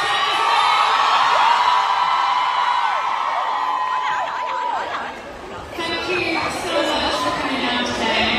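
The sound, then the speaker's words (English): A large crowd at a Q&A event cheers and screams continuously as a pop star leaves the stage, with high-pitched whoops and shrieks rising over a dense wall of excited chatter, loud throughout. “And some fans were just cheering for him.”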